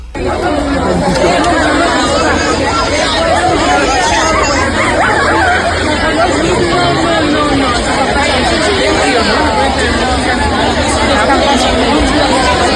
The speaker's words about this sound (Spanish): Bueno, aquí escuchamos solo murmullo